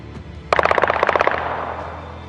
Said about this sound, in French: Le vendredi, lorsque les horloges indiquaient 21h30, des coups de feu ont retenti dans le quartier général de l'état-major des armées à Ankara, la capitale.